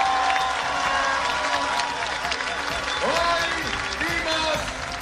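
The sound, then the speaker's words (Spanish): A crowd breaks into sustained applause for Paloma Valencia, dense steady clapping filling the whole stretch at a loud, even level, with scattered voices and cheers rising within it. “Un aplauso para ella.”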